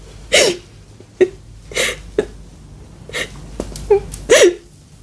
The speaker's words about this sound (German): Nun musst du aber nicht mehr weinen